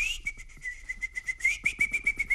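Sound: small birds chirping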